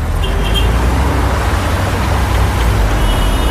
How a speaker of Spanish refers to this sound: Atascado en el tráfico espantoso. ¡Acelera!